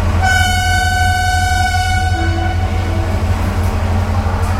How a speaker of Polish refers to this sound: Są takie dźwięki, które natychmiast potrafią przenieść nas do takiego klimatu wakacyjnego. To może być na przykład stukot kół pociągu, gwizdek konduktora i widok mijanych pól za dźwiękiem i za oknem.